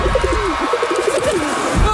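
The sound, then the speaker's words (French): Several pigeons coo over one another in a steady stream of low, throaty, rolling calls that stay fairly loud for the whole two seconds, with a short burst of noise near the end. “ils vont tous instinctivement retourner à leur nid, qui se trouve évidemment sous les toits de chaume en paille des Iskorosteniens”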